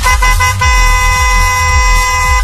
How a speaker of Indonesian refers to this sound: Klakson panjang.